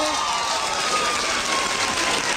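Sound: audience clapping hands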